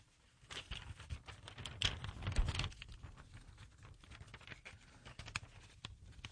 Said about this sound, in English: I crinkled that paper on purpose. Don't ask me why.